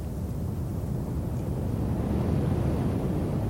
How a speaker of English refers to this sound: Sounds like a train in the distance.